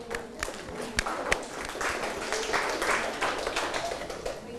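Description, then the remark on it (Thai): A group applauds themselves after each group presented its own anti-drug compositions, with dense, steady clapping that fills the whole stretch, a few sharper individual claps standing out early on, at a moderate, even level with no talking. “โอเคเก่งมากเลยครับปรบมือเพื่อนหน่อยแต่ละกลุ่มนะครับก็แต่งได้ออกมาอย่างไพเราะนะครับแล้วก็มีความคิดสร้างสรรค์แตกต่างกันไปนะครับก็ถือว่าเก่งมากๆเลยปรบมือให้กับตัวเองหน่อยครับ”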